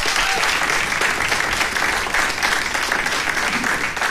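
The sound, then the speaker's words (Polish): Sustained audience applause at a concert after a violin solo, a dense, steady wash of many hands clapping at a fairly loud level throughout, with no clear pauses. “Wielkie brawa dla niej.”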